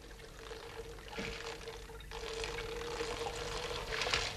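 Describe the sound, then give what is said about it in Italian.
Water is poured steadily from a teapot onto small pebbles, a broad splashing hiss with faint crackles that swells toward the end. There's a steady hum underneath and no talking. “Ecco l'acqua. Bene, grazie. E ora versiamola sui sassolini.”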